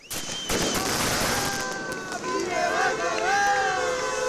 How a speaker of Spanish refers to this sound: Lo hacían entre bengalas, aplausos y gritos de apoyo por parte de trabajadoras y trabajadores de otras empresas de Ayaraldea que también pasan por conflictos laborales.